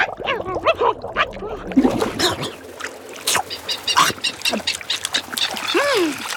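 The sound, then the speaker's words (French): A crowd of albatrosses squabbles noisily on the water over bait fish from a fishing boat. Harsh overlapping squawks and cackling calls come in quick bursts with occasional splashes as the birds strike each other with wings and beaks and plunge their heads under water for fish. Loud throughout. “Il file des coups d'aile et de bec aux autres. Il plonge la tête sous l'eau, il en ressort avec un poisson dans le bec et l'avale.”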